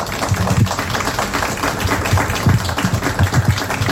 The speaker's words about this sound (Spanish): Yo le voy a pedir primeramente un aplauso para los protagonistas del día.